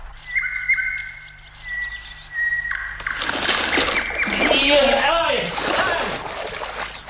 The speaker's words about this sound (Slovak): mohla by si mi toho Slávika zo zvukolapky znova pustiť? Pravda, že? Len počúvaj.